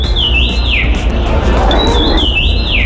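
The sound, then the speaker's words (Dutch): A common rosefinch sings two clear, whistled phrases of rising and falling notes about a second apart, bright over a steady background hiss. “De Roodmus, en nou hoop ik zo dat ik het juiste loot heb, hè, want ik ben net echt een vogelspotter.”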